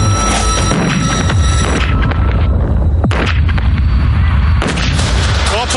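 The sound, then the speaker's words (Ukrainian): A mine charge of 200 grams of TNT, placed under a wheel and set off by fire ignition, goes off as a loud, sustained booming blast, its rumble and crackle filling several seconds, with faint voices briefly audible underneath. It is heard from about 50 metres away. “Зараз воно вибухне.”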